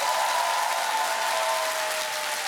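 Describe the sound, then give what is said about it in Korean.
An audience at a yeoseong gukgeuk (Korean women's traditional opera) stage event claps steadily throughout, a dense, even wash of applause with no voices breaking through, holding a constant level before easing slightly at the end. “다시 한번 박수 부탁드리겠습니다.”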